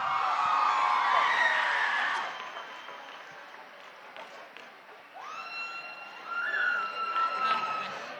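An audience bursts into loud applause that thins out after a couple of seconds, followed by scattered clapping and long, high-pitched whoops and cheers rising over the crowd.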